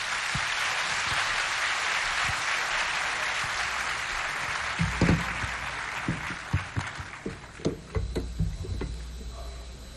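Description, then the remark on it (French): Sustained audience applause following a presentation by the Minister of Urban Planning: a dense, steady wash of many hands clapping, with sharper individual claps and a few low thumps standing out during the second half. “Encore des applaudissements, mesdames, messieurs.”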